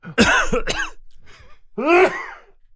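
A loud cough in two quick rough bursts, then after a short pause a third strained, throaty cough, with no talking around it.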